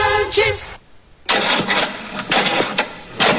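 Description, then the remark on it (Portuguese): A car engine struggles to start because of a dead battery: a whirring crank, a brief silence, then repeated loud, uneven cranking bursts that never settle into a running engine. “Ficar na mão por causa da bateria?”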